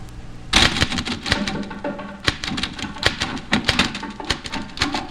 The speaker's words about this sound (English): The drums in the typewriter. I think, I don't know. There are drums in the typewriter. There are drums in this typewriter.